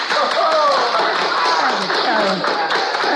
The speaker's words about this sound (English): Thank you all for that applause.